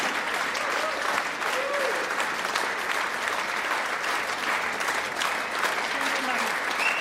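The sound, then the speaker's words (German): Sustained, steady applause from an audience for the guitarist fills the whole stretch, a dense wash of clapping hands at an even level with faint voices and cheers mixed in. “Applaus für Martin die Gitarre.”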